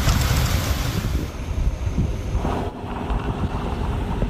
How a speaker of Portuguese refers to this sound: Moradores registraram assustados a aproximação da tempestade.